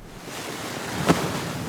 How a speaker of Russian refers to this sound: Когда еще стояли холода, и день был прохладный, а ночь тихой, слышался только шум воды в фонтане.